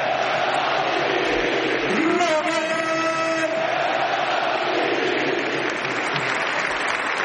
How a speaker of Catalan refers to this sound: Ha marcat 119 gols en 4 temporades defensant aquest escut i ja forma part per sempre més de la història del Barça. Us demanem, si us plau, un aplaudiment enorme per Robert!